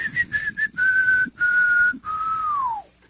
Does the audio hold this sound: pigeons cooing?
no